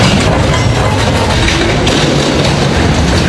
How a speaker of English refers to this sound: Crews did their best to upright the crane by using a second crane to get it up, and well, that also fell and damaged the house worse. Here's the second crane smashing